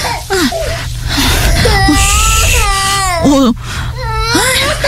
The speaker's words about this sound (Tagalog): Tahan na. Nandito na si mami. Tahan na.